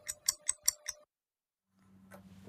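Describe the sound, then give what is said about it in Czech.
Five quick, evenly spaced clock ticks sound over a faint steady tone, a radio time signal marking 13:00 before the news on Czech Radio's Český rozhlas Plus. A brief silence follows before a low hum and rising noise fade in. “Přesný čas vám přináší jen zbytečný stres.”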